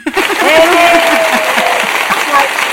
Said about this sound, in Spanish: Aplausos.